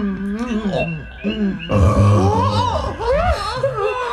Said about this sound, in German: Nun hat er seinen kleinen Rülpser gemacht, ne? Och, macht ja nichts. Was raus muss, muss raus, sag ich immer.